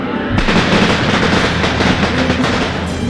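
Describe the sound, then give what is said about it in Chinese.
A long string of firecrackers bursts into loud, rapid-fire crackling after a brief quieter start, giving off thick smoke, the dense pops running together continuously until the end. “鞭炮轰轰烈烈地炸，炸到阿贤耳朵都快聋掉了。”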